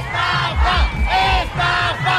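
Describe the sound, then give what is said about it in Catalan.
A large crowd at the Macondo Park stadium chants "estafa" (scam) in unison, loudly repeating the short shouted word in a steady rhythm, with about four pulses of massed voices rising and falling. “El primer dia ja es van sentir crits d'estafa perquè van trigar molt a obrir portes.”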